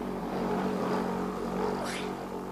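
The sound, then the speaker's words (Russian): A car drives by, its engine a steady, loud rumble for a couple of seconds, with a brief rising whine as it passes. “Машина, я думала, под колеса попадешь, испугалась.”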